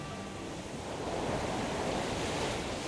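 Continuous ocean surf rushes and swells beneath a steady, cooling buffeting wind blowing from the ocean along the seaside cliffs of the California coast near Big Sur, a broad roaring wash that grows slightly louder after the first second, with no voices.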